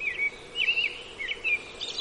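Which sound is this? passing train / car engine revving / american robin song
american robin song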